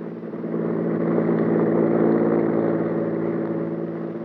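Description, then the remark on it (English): A car engine roars, swelling quickly in loudness and holding a steady, throaty drone as the car whips past on a road, with no voices. “Maxton's car whipped by.”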